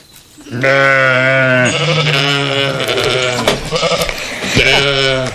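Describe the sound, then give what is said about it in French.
A ram named Tricot bleats loudly, three long wavering calls in a row with only short pauses between them, nothing else underneath. “Aujourd'hui, nous allons parler de l'élevage des moutons. Notre invité est le bélier Tricot.”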